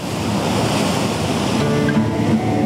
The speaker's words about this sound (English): But let's go and say hello to the ocean.